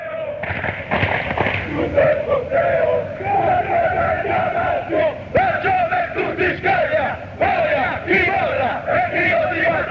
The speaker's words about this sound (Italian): Ti dico che questo coro è il coro che viene fatto con gli atalantini